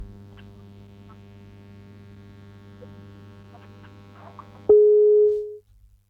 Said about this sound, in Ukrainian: На жаль, обірвався телефонний дзвінок. Прошу перетелефонувати.